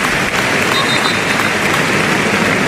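A large stadium crowd at Cornellà applauds steadily in tribute to Jarque during a football match, a dense, continuous wash of clapping that fills the space without pause, loud and sustained throughout with no individual voices standing out.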